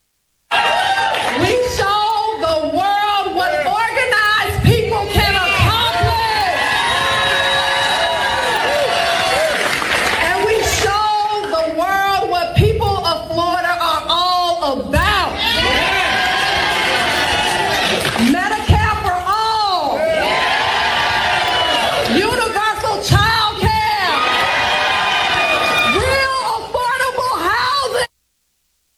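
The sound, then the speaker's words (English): A loud, continuous din of many high-pitched women's voices screeching and yelling over one another, with no letup for nearly thirty seconds. “There's always screeching.”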